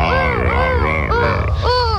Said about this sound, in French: Je m'approche doucement d'un couple de lions et de lionnes. Oula, ils crient. Ils vont s'accoupler. Écoutez-les. Le lion est bien le roi de la jungle, comme tu peux l'entendre.